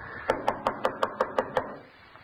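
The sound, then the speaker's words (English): Eight quick, evenly spaced knocks on the wooden door of a house whose doorbell is out of order, sharp and hollow, rapping in a steady rhythm for about a second and a half before fading into quiet. “I had to knock.”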